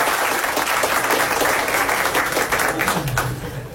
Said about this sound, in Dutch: Je mag applaus.